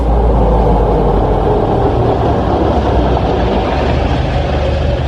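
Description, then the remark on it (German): A steady, loud rumble of a car driving to a beauty salon, heard as if from inside, with a deep low engine and road drone holding constant throughout and no voices. “Miss Clark nimmt Kimberly auf den Arm und die beiden steigen ins Auto ein. Die Fahrt dauert nicht lange.”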